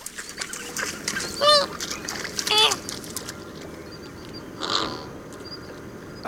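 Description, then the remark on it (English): Flamingos honk in two loud, nasal bursts close together, followed by a softer call, over a steady murmur of a flock and faint splashing. “flamingos may not yet officially be Florida's state bird, but now they are Miami-Dades.”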